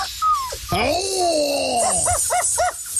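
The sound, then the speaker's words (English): A small dog whimpers after being bitten, giving a long, drawn-out falling whine followed by a quick run of four short, pitched yelps. “Biting a dog and hitting a stuffed man!”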